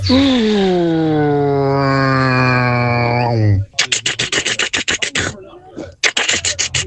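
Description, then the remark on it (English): A voice imitates a plane with a long, steady droning hum that rises slightly, then switches to a rapid, loud staccato burst of rattling pulses mimicking a jackhammer, pausing briefly before resuming; an entry in a competition to imitate a fuel-based vehicle and a tool. “So we asked you for a plane and a jackhammer.”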